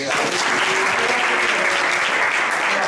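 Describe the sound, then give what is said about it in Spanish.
A crowd at a festival applauds steadily, dense clapping at an even, loud level throughout with no pauses, a faint murmur of voices mixed into the ovation. “Un aplauso.”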